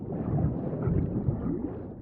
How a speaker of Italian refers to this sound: Ma non era una buona giornata per partire. Una terribile tempesta era alle porte.